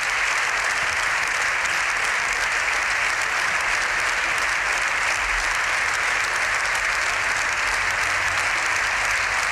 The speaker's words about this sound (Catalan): Continua, com sentim, aquesta ovació al Congrés dels Diputats, tots els diputats dempeus aplaudint el discurs del papa Lleó XIV.